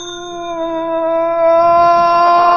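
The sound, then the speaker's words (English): The doorbell of Gargoyle Castle rings as one long, steady, loud tone, held unbroken for a few seconds with no voices. “Okay, ring the bell, Philo.”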